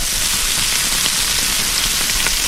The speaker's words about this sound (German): Ja, ist nicht lang, da brutzelt Fleisch kurz am Grill.